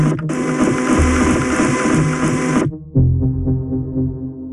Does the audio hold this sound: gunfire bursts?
no